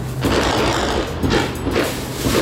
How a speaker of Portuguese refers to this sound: registrou esses tiros ali no Jardim Novo, em Realengo, no vídeo que ele mandou dá pra ouvir uma parte aqui desses tiros, ó.